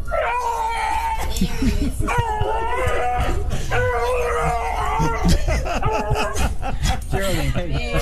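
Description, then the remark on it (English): Geraldine the dog yowls and whines in a long, sing-song run of rising and falling howls, loud, with barely a pause over the full stretch. “And this is Geraldine the dog.”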